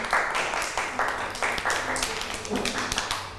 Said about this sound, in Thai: ปรบมือให้น้องมาหน่อยค่ะ